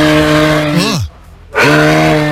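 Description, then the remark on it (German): A call from Emil the moose: a loud, low, droning bellow with rich harmonics that slides downward in pitch, breaks off for a moment of quiet, then starts up again just as strongly. “Im letzten Jahr war es ja der Elch Emil.”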